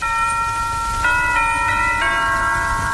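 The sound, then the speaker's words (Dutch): Church bells ring out, with fresh strikes about once a second, each leaving rich overtones hanging in the air. The ringing is steady and fairly loud, with no voices. “Ja, de kerkklokken die speelden ook, kom er eens kijken.”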